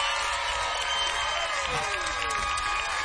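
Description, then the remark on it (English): A crowd claps and cheers in a dense, steady wash of applause, with shrill voices and whistle-like tones rising above the noise throughout, as a band's drummer is introduced on stage at a concert. “Please, in my left, clap your hands for Benjamin Guinjo on drums.”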